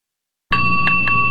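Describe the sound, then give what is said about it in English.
A bell starts abruptly and rings loudly and continuously, a steady metallic tone with quick repeated strikes pulsing through it, with no voices. “Bells. There's something insistent, something even alarming about them.”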